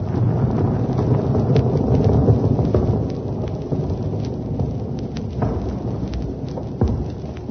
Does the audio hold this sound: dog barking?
no